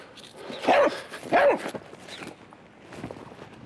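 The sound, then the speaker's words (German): A sniffer dog named Rufus, in scent training to find a rubber hose with black powder, gives two loud, sharp barks about half a second apart, followed by a few softer, shorter yelps and rustling before the sound fades out. “So, jetzt hat Rufus den Gummischlauch mit dem Schwarzpulver geruchstechnisch abgespeichert. Mal sehen, wie schnell er ihn findet.”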